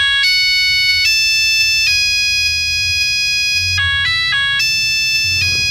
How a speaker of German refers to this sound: Achtung Leute, kleine Vorwarnung, aber den Klingelton hatte bestimmt der ein oder andere von euch.